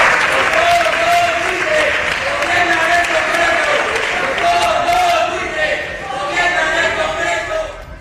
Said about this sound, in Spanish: Gritos y lluvia de panfletos al levantarse la sesión.